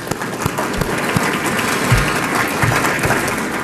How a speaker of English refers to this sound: That said, I would like another round of applause for our title sponsor, that is State and Federal Communications. Let's give them a hand.